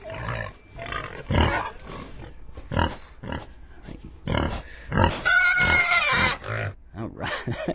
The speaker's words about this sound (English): So I have my pig caller. Pig! Pig! Pig! Well, here they come. Come and get it. Come and get it.